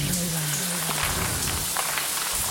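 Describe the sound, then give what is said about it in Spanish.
Water drips and splashes steadily onto a hard surface from a running shower in a bathroom, a continuous patter of drops with no voices, in an audio adaptation of Robert Bloch's Psycho. “Cada gota de agua parecía más fuerte, más cercana.”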